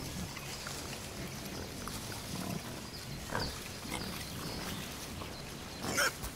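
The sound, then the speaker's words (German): Pigs grunt and snuffle steadily over a rustling background, with a sharper snort midway and a louder, higher grunt near the end. No one speaks. “Dann füllen einige Schweine ihre Mägen bis zur Hälfte nur damit.”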